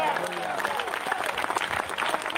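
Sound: audience applause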